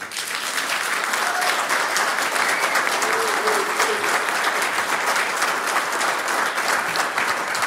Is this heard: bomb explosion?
no